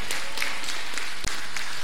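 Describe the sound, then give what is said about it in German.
A crowd applauds the winner of a prize draw, with dense, continuous clapping that stays fairly loud throughout, with a brief sharp dip in the middle and no voices. “Applaus für den Gewinner.”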